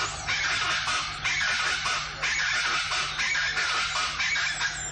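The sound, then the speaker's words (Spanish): A chachalaca (charata) calls loudly and continuously, a harsh, raucous chorus of repeated rasping notes that fills the whole stretch with no pause, strident, with no talking over it. “Es un quilombo la charata esta. A ver cómo canta, la primera vez que lo escucho.”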